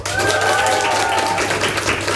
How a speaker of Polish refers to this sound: Dlatego na początek poproszę wszystkich, którzy są dzisiaj w naszym pięknym studiu z tymi wspaniałymi uśmiechami, z twarzami nastawionymi w stronę urlopu, o wielki, ale też trochę leniwy hałas. Dzień dobry, wielkie brawa dla Was!